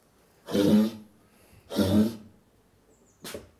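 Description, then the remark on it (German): A female brown bear in its hut coughs three times in a harsh, raspy fit, loud, with the bursts spaced roughly a second apart and the last one shorter. No one speaks. “Ja, die hat jetzt einen kleinen Hustenanfall.”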